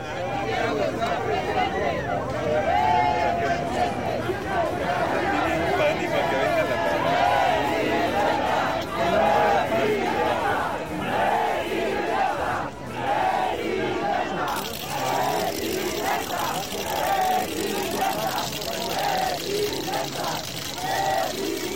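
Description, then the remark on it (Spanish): A large crowd in Querétaro chants "coordinador, coordinador" in unison, welcoming Santiago Nieto Castillo, state coordinator of the Defensa de la Transformación, into the venue; voices rise and fall in the repeated slogan over a dense, steady roar of cheering that continues loudly throughout. “Bajo gritos y consignas que le decían "coordinador, coordinador", fue que lo recibieron en el recinto.”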